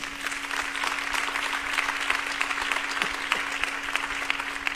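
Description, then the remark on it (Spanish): Sustained applause from a sizable church audience, given to Jesus during a sermon, a dense wash of clapping that holds steady for several seconds with a faint constant hum underneath. “Dele un fuerte aplauso a Jesús.”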